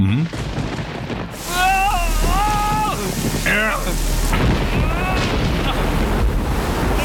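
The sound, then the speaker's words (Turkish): Heavy rain roars steadily over a deep, rumbling low end like thunder, filling most of the stretch, while voices call out in wavering tones above the storm. “Bu fırtına sürdükçe, tamam mı? Başlarım fırtınasına.”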